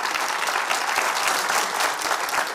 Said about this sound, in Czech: Dámy a pánové, pan Ondřej Soukup. Krásný dobrý večer. Ondřej, vítejte. Takhle vám tleská Kaplice.